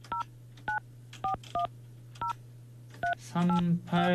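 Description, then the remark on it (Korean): Seven short beeping touch-tone keypresses dial a phone number at an uneven pace over a steady low hum, calling a radio show listener (number 3857) who does not answer, then a voice begins talking near the end. “연결이 되지 않아. 비소리. 전화 안 받으시네.”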